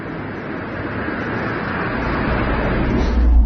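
A car passes by, its steady engine and tyre rumble swelling louder toward the end as it approaches, with no talking over it.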